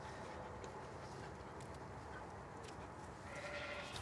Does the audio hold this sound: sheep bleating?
yes